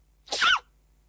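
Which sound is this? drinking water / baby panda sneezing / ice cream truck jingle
baby panda sneezing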